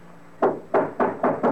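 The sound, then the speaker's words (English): Five firm knocks on a wooden door, loud, delivered in a quick, fairly steady rhythm after a short quiet pause, with no voices. “Open the door, or I'll break it in.”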